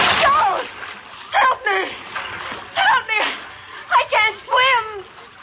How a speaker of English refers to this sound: You reach out to grab her, but you're too late. And she plunges off the end of the boat landing.